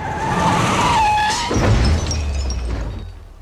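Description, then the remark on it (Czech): A car's tires squeal in a long, loud skid for over a second, then a heavy crash thuds and rattles before fading out. No one speaks. “Pozor, auto!”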